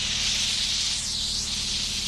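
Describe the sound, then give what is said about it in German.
A steady, loud hiss of steam jets from the nozzle of a chewing-gum removal cleaning machine, switched on with three buttons, with a low mechanical hum underneath and no one speaking. “Hier durch diese drei Knöpfe produziere ich hier diese Dampf.”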